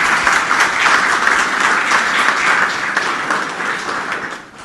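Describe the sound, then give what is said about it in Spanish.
Sustained applause from a crowd at an event marking 22 years, greeting the organization's administrator: dense and steady, many hands clapping at once for several seconds before tapering off slightly at the end. “Venga, bien fuerte los aplausos, por favor.”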